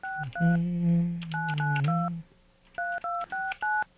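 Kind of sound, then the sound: signal or alarm, telephone number being dialed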